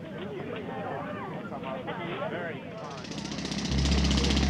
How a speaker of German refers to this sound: Seit etwa 1 Uhr heute Nacht rattern die Pressluftbohrer und bohren einen Graben quer durch die Ebertstraße hier am Brandenburger Tor.